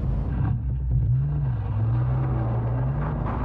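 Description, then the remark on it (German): A tractor with a trailer pulls slowly out of a farm driveway, its heavy engine rumbling steadily, the deep droning pitch rising slightly and holding, with no voices over it. “Da kommt der Traktor mit Anhänger aus der Einfahrt.”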